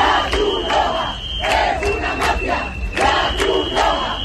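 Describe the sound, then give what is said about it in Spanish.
A large, angry crowd of violent protesters in Ceuta, who destroyed and burned immigrants' tents and tried to block Red Cross humanitarian aid, shouts loudly in repeated, chant-like bursts, with many voices yelling together in a rough rhythm and a faint steady high tone running underneath. “Este grupo de violentos ha destrozado y quemado varias tiendas de campaña después de intentar bloquear el acceso a la ayuda humanitaria que transportaba la Cruz Roja, a la que acusan de ser una mafia.”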